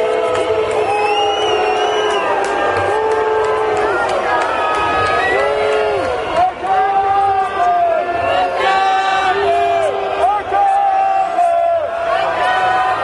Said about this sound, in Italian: Ci spostiamo perché c'è una colonna antisommossa che sta passando, ovviamente tra i fischi lo sentite.